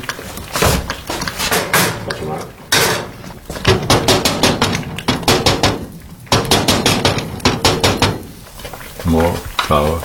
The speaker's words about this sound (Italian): riduce l'apertura della caldaia con gli anelli di ghisa per diminuire l'uscita della fiamma troppo alta.